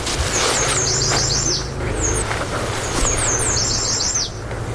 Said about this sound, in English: The yellow warbler in the willows along the riparian bank. Oh, he's blasting now. Oh, yeah, yellow warbler. We're at the height of bird song in the valley.